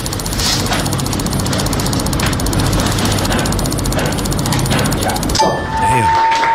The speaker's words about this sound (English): Damn. Oh, that almost sounds like a machine. That was actually a person. 760 mouse clicks in a minute for a new world record.